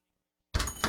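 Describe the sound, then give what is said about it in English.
Quiet at first, then a sudden knock as Charles Barkley knocks on a door in a Capital One commercial: a heavy thump followed by a second hit near the end, over a rattling noise. “Knock, knock, Capital One Bank guy.”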